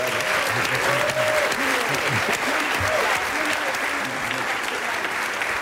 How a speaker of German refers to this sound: Ihr Applaus für Timo Wopp, da ist er hoffentlich.